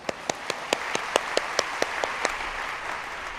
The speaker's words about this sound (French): Je félicite les traducteurs et traductrices qui arrivent à traduire cela dans toutes les langues. On les applaudit.